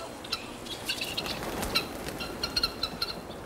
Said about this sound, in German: Hier vorne stehen schon gleich die Perlhühner. Wir begrüßen einen schon. Da haben wir 1, 2, 3, 4, 5, 6, 7.